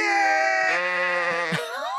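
A sheep lets out one long, loud, quavering bleat, wavering in pitch for about two seconds, with no other sounds around it.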